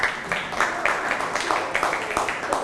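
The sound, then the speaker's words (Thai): Classroom students, told by their teacher to sit down and applaud a classmate, clap together in a steady, dense patter of many small hands, lively and moderately loud, with a few sharper claps standing out over the continuous wash. “นั่งลงได้ปรบมือให้เพื่อนครับ”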